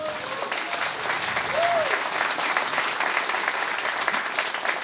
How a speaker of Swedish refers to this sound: Varma applåd till Merit.